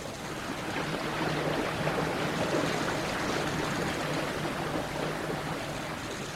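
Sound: rushing river water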